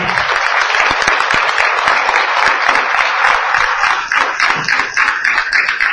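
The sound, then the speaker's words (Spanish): A crowd applauds steadily for several seconds for honoured local residents, a dense, loud wash of many hands clapping at once, with a few individual claps standing out near the end. “Bueno, ellos son nuestros vecinos destacados. ¡Un aplauso!”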